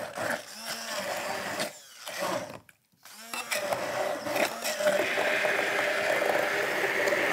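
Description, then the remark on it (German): A blender purees strawberries, whirring loudly in short bursts and cutting out briefly twice, then running in a steady, high-pitched grinding whir until the end. “So, jetzt machen wir die erstmal klein.”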